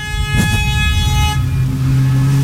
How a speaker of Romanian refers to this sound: Ia uite, ia uite ce vine din față. Uite, claxon după claxon. După claxon, Sibiu 26 SGI, mulțumim pentru claxon. Flash-uri, flash-uri, claxoane. Da, și flash-uri, dați claxoane.